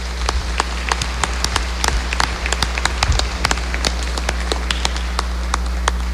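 A crowd applauds steadily for several seconds, with dense, crackling hand claps sustained at an even level over a low, constant electrical hum, with no voices.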